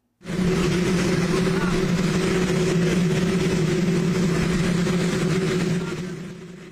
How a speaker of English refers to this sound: So his opening remarks were inaudible because of the noise from a waiting helicopter.